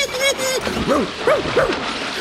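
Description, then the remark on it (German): A small dog gives three quick, high-pitched yipping barks in close succession over a steady wash of watery noise as it jumps into a bathtub of water and splashes with its paws. “Er hüpft ins Wasser, bellt freudig und planscht mit den Pfoten.”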